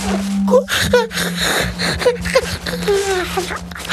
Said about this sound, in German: Der kleine König gähnt noch mal kräftig.